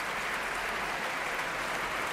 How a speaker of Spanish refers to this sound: Estamos en directo en la Sala Sinfónica del Auditorio Nacional de Música de Madrid. Ahora Pablo González se acercaba a dar la mano al primer contrabajo. Y ahora sube al podio y recibe los aplausos del público.